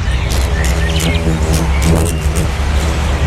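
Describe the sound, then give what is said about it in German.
Hairy June beetles buzzing in large swarms in Upper Bavarian gardens on a mild summer evening, a loud, steady low drone with a rough, humming tone, continuous throughout, with faint scattered ticks and rustles over it. “Ja, die brummen ganz schön, die Junikäfer.”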